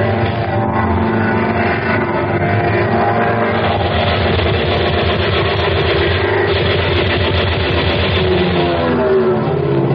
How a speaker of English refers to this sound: Let's go back and try it again. The plane circled the field and once again approached the target.